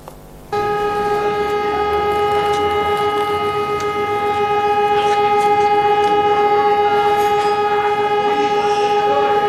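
A memorial siren in Tuzla, sounded at exactly 20:55 to mark 25 May 1995, when 71 young people were killed at Kapija, starts abruptly after a brief moment of quiet and holds one loud, steady tone for several seconds. Faint ambient noise sits underneath, and nobody speaks.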